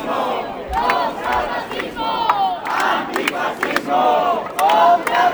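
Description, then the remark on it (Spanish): A large crowd of protesters at a rally called by social groups against hate speech and racism in Praza de Cervantes, Santiago de Compostela, chants and shouts together in rhythmic bursts, loud and continuous, with sharp claps and whistles cutting through the dense wall of voices. “mientras que a pocos metros, en la Praza de Cervantes, colectivos sociales convocaban una concentración alternativa contra los discursos de odio y el racismo.”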